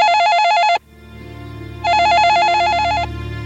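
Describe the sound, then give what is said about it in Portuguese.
A telephone rings in two loud, warbling electronic bursts separated by a short pause, clear with a faint low hum beneath, and no one speaking. “Quando ele disse estas coisas, quando ele se preparou para dar o chute fatal na cadeira, o telefone tocou.”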